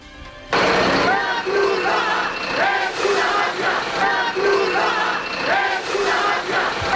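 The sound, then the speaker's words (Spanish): A crowd of protesters at the Trampolín beach, blocking Red Cross food trucks for migrants, chants the slogan 'La Cruz Roja es una mafia' together in a steady, repeating rhythm, loud, the shouted phrases rising and falling about once a second over constant crowd noise. “La Cruz Roja es una mafia, cantaban.”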